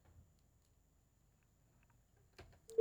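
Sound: phone line disconnected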